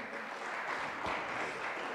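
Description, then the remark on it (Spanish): An audience claps together in a steady, dense wash of applause that holds at an even, fairly loud level for the whole moment, with no voices standing out. “¿Le damos ese fuerte aplauso?”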